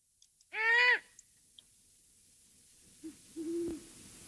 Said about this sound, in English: Let's listen to the call of a female great horned owl.